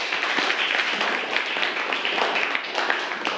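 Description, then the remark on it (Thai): At the teacher's request, a group of students clap for a classmate. Many overlapping hand claps form a steady, dense patter, sustained and fairly loud for a few seconds with no pauses. “ปรบมือเพื่อนหน่อยครับนักเรียน”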